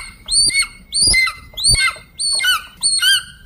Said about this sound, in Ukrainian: Хлопці, у вас сьогодні буде звук, який вам треба відтворювати і знайомитися. Це юний орел.